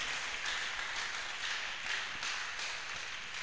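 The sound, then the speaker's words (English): An audience applauds steadily, a dense wash of many hands clapping at an even level for several seconds with no voices standing out. “Give yourself a round of applause one more time.”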